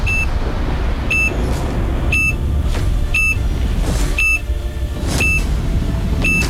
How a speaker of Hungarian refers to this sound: És jön majd a csipogás, remélem jól hallasz, figyelj, 3, 2, 1, te vagy!